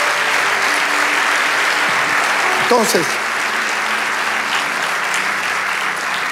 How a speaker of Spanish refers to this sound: Vamos, dale ese aplauso al Rey de Dios.